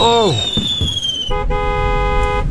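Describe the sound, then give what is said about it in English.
A dense, continuous barrage of fireworks, stored under a canvas and all set off at once by a stray spark: shrill whistling rockets glide and overlap while crackling bursts and pops fill the background, loud throughout. “A stray spark just got under the canvas where the fireworks are stored, and they're all flowing at once.”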